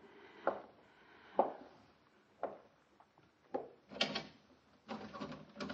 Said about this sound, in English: The door's locked